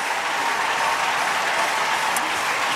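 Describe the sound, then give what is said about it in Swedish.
Dense, steady applause and cheering from a large athletics stadium crowd celebrating a new gold medal for Great Britain, a continuous wash of clapping at an even, fairly loud level with no voices rising above it. “Ja, det där tyckte ju publiken om.”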